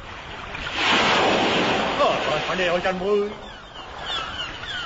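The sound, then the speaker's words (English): A broad, rushing wash of ocean waves in mid ocean, about 1,000 miles from London, swells and fades steadily, with a brief voice rising over the surf midway before the water noise settles into a softer, continuous hiss. “Life on the land of world. Mid ocean.”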